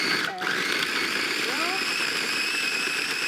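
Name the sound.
blender mixing frozen dessert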